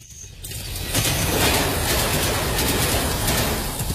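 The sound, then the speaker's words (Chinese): A high-speed train, the earliest one of the day heading back to Dalian, runs along the rails, its dense, steady roar swelling within the first second and then holding loud and continuous with a faint clattering texture. No one speaks. “苗青乘最早一趟高铁赶回大连”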